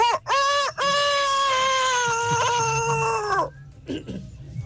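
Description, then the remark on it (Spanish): Someone imitates a rooster's crow loudly: two quick clipped yelps, then one long, strained, sustained cry that drops off abruptly, followed by faint background noise. “Mi talento oculto es cantar como un gallo vasto.”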